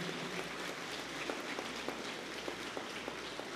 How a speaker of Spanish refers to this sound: Un fuerte aplauso también para ella.